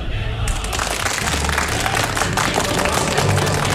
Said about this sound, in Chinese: 张雷和刘小飞对视，露出骄傲的微笑，鼓掌。方子君也在抱着勇士奖杯鼓掌，脸上是会心的微笑，泪水滑落下来。